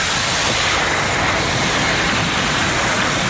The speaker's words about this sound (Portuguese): O mar, na praia de Normandía, na praia de Omaha.